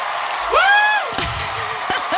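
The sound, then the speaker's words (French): A crowd cheers in a steady roar of noise, topped early on by one loud, rising whoop that holds for a moment, then scattered shouts and voices carry on. “Pourquoi il y a une foule qui nous entoure?”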